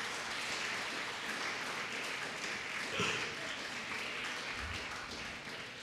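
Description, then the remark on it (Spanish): A crowd applauds loudly and steadily, many hands clapping at once in a dense, sustained wash of sound for several seconds without any speech. The applause is given to Christ Jesus, to honor the Lord. “Dele un fuerte aplauso a Cristo Jesús.”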